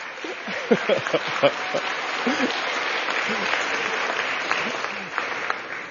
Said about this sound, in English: Growing up in Gwinnett County, my parents who are here imbued in us a real responsibility. Yeah, give them a hand clap. Y'all can stand.